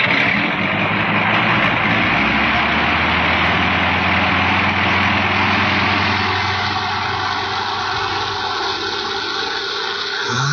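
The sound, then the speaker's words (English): An airplane engine idles before takeoff on wet ground, the plane heavily loaded: a loud, steady droning rumble with a low humming tone and a broad roar, running without a break and shifting slightly in pitch partway through. “You'll never get off the ground. It's too wet. Plane's too heavily loaded.”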